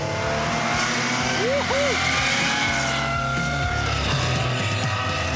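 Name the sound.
porsche flat-six engine revving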